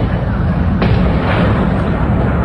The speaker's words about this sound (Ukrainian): Коли на місце прибули карети швидкої, а вогнеборці почали гасити полум'я, пролунав другий вибух по цій самій локації.